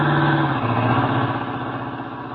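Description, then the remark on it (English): A loud engine rumbles steadily, its droning tone dropping slightly in pitch partway through as a car drives past on the road. No one speaks. “Duck, here comes the car.”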